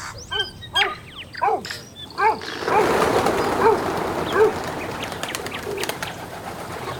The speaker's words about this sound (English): Whoa, those are bird sounds. I can hear the manu, the birds. Can you hear the manu e te kaipāmu? Ai rā, I can hear the manu.